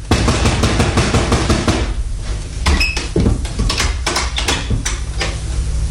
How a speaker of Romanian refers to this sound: Bate la ușa asta. Da. Nu răspunde nimeni. Insistă.